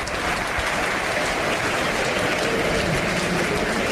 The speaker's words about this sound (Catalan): Cosa que provoca l'aplaudiment per part del públic.